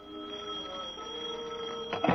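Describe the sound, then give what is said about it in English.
A telephone bell rings in an office in one sustained, steady burst lasting a couple of seconds, moderately loud, with no voices present. “I'd just gotten back to the four walls and desk I laughingly call my office, shuffled the two ads and rent bill that represented my mail, and lit a cigarette when the phone rang.”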